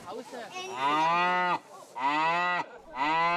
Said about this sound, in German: Von denen mindestens eine sich gerade sehr langweilt. Mit lauten Mu-Rufen fordert Nike Aufmerksamkeit ein.